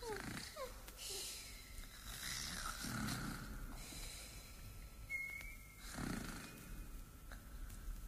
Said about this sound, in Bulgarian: А, изчезнаха. Както хъркаха, изчезнаха и двете.